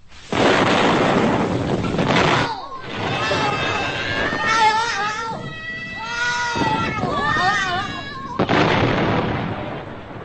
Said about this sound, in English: This is the flippy-dabby-dee service of the BBC. The giant capsule was today exploded and went bang.